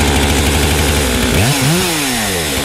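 A large chainsaw roars loudly as an artist cuts into wood to rough out a carved figure, its engine pitch dropping and rising again as it bites into the wood, a continuous harsh buzz with no voices.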